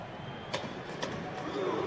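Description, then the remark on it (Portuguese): A dense crowd of Brazil fans in a stadium in New Jersey roars and chants "creu" together, the steady wash of voices punctuated by two sharp rhythmic hits, like unison claps or stomps, about half a second apart. “A torcida do Brasil fazendo creu.”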